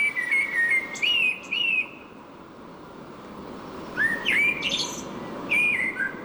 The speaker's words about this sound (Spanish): Este es del río. Sí, es un mirlo. Un mirlo, mira. El más frecuente posiblemente.